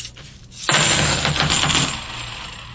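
A quick cascade of clad coins dropping and clattering together, a bright jingling pour that starts abruptly, stays loud, then thins out near the end. No one speaks.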